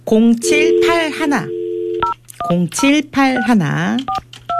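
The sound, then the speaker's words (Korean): Short telephone keypad tones beep in a quick, uneven sequence as an outgoing call is dialed to a person who sent in a text message. Loud voiced sounds with no clear words fill the gaps between the beeps. “이분 한번 전화를 한번 해보도록 하겠습니다.”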